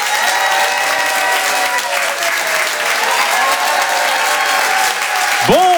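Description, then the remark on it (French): Loud, sustained applause from a large audience as a performer is introduced, a dense steady roar of clapping with some cheering mixed in, holding at full strength throughout before a voice rises at the very end. “je vous demande de faire un maximum de bruit, d'applaudir très fort, s'il vous plaît”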